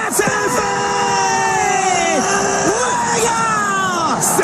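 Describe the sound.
A large crowd cheers and shouts with joy on 15 July 2018 as France wins the football World Cup, many voices overlapping in loud, sustained yells and whoops over a constant roar of noise, unbroken throughout.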